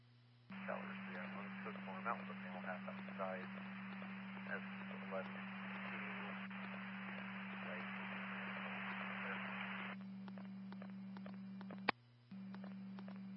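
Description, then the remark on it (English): Loud, steady radio static hisses for about ten seconds over a low electrical hum, with a garbled, unintelligible voice breaking through, then cuts off leaving the hum and a sharp click. “copied out with the male half, the rest was static.”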